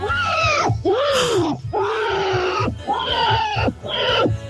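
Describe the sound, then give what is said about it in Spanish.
A man's voice imitates a pig squealing as it is slaughtered: four loud, strained, wavering shrieks with brief gasps between them, harsh and high-pitched, filling the whole stretch. “Escucha al chancho cuando lo matan.”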